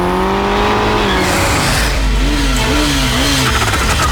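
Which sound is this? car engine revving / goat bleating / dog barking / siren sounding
car engine revving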